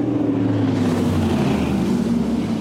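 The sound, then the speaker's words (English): A powerful new racing speedboat with twin 1100 engines roars steadily and loudly, its deep engine drone holding an even pitch with no talking over it. “Oh, those twin 1100s, man, they sound incredible.”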